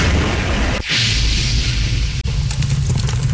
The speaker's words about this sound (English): They were prepping for the day inside their truck in Atwood, Tennessee. I guess it's a rural area. And suddenly the truck blew up.